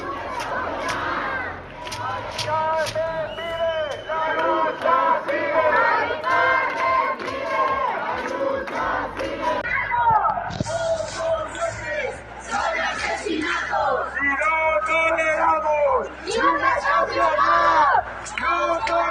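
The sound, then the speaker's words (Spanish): A protest crowd demonstrating over an eviction shouts loudly and continuously, many raised voices overlapping into a rough, chant-like roar that rises and falls but never stops for the whole stretch. “¿Podemos escuchar lo que gritan?”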